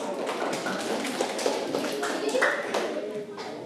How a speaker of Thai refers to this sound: เดี๋ยวปรบมือให้เพื่อน